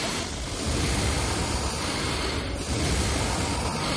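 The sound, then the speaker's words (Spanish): Three people breathe in unison, a steady, breathy hiss of air that swells continuously with only two brief dips, with no talking over it. “Pero fíjate, mira, vamos a respirar los 3 a la vez.”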